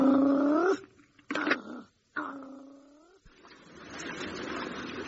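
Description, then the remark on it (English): An animal growls in two long, drawn-out tonal cries that rise at the end, separated by a brief sharp burst, then fading into a soft hissing background. “I can hear growling.”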